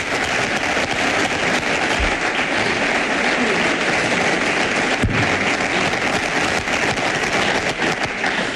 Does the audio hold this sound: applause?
yes